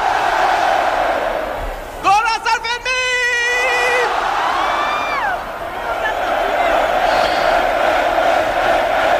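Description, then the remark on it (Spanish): A festival crowd in the Plaza del Ayuntamiento in Pamplona roars and cheers continuously at midday on 6 July, the opening of the San Fermín festival, with a loud sustained, rising whoop cutting through early on before the dense, steady din of voices resumes. “Sonido en directo desde la plaza del Ayuntamiento de Pamplona.”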